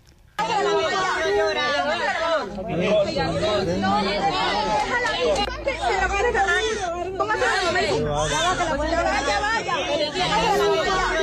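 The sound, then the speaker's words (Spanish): A newborn baby, just born in the ruins of a building brought down by earthquakes of magnitude 7.2 and 7.5, gives a thin, wavering cry that rises and falls among overlapping voices of rescuers, with steady loud chatter continuing throughout. “Eso que escuchan entre las voces de los rescatistas es el llanto de un bebé que acaba de nacer entre las ruinas de uno de los edificios que se ha llevado por delante uno de estos dos terremotos de escala 7,2 y 7,5.”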